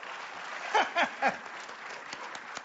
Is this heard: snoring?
no